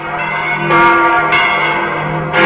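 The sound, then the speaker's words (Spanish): Church bells toll loudly, with three strikes spaced unevenly whose rich, humming overtones ring on and overlap. No voices are heard. “Al escribir sus pensamientos en el diario devocional que llegó a ser un clásico, Donne apremiaba a sus lectores así: nunca envíes a averiguar por quién doblan las campanas, doblan por ti.”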